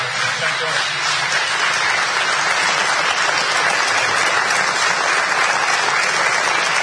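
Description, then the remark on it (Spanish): Loud, sustained applause from a large audience for Alejandro Dolina, a dense wash of clapping that holds steady for several seconds without any break. “Un fuerte aplauso para Alejandro Dolina.”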